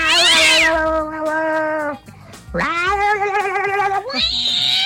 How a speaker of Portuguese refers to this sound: Tem um gato que tá no telhado brigando. Gato no telhado, como é?